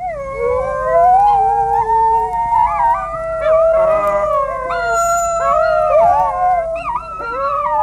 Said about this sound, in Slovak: i nahrávky vlčího zavíjania, ktorý som dostal ako dar od pána profesora Pimlota z Kanady. Odborníci, špecialisti analyzujú všetky zvukové prejavy vlkov a skúmajú, čo ktorý zvuk v ktorej situácii znamená, aby držal svorku pohromade.